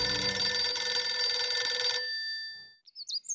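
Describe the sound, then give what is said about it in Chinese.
A telephone bell rings loudly and continuously for about two seconds, then fades away, followed by a few brief high-pitched chirps, as Du Renzhi phones Yan Youwen from Du Jingzhi's home at No. 6 Youlou Hutong, Shijingfang, Beiping. No one speaks. “两天以后，杜任之在石井房游楼胡同六号的杜静之家里听到蒋介石飞抵北平的消息，又不免动了再次劝说傅作义的心思，于是便打电话把严幼文叫到了家里。”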